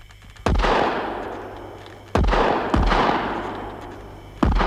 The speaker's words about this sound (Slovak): Strieľajte obaja, blížime sa k lesu.